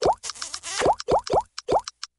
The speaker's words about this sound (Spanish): Para unos, el amor puede tener el sonido de mensajitos con emojis al celular.